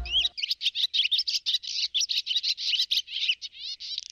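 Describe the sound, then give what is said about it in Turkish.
Birds chirp and sing in a rapid, continuous stream of bright, high twittering notes, fairly loud, with no voices present. “Dünya Göçmen Kuşlar Günü'ndeyiz.”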